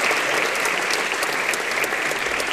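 Steady, dense applause from an audience, many hands clapping in a continuous bright wash of sound at an even, fairly loud level throughout, with no voices standing out.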